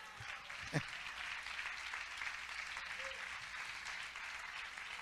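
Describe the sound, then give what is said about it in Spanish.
A church audience claps together in praise of Christ, sustained, dense applause that holds steady throughout, with a brief thump near the start and faint voices mixed into the crowd noise. “¿Cuántos le dan palmas de alabanza a Cristo de la gloria?”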